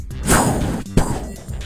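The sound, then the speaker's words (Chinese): A person vocally imitates fireworks launching: a loud, breathy whooshing burst that sweeps downward, followed by a second sharp burst and a fading hiss. No words are spoken. “来，你示范一个最接近烟花的声音， 比如你自己的。”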